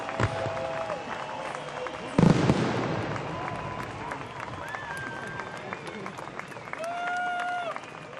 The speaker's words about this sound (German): Was für ein spektakulärer Abschluss ist das hier. Es wird geklatscht, es wird gejubelt und ich glaube, der ein oder andere hatte auch ein Tränchen im Auge. Denn hier geht eine Ära zu Ende am Rhein mit Rhein in Flammen nach 40 Jahren.